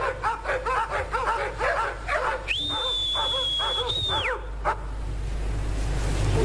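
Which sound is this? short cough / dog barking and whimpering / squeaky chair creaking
dog barking and whimpering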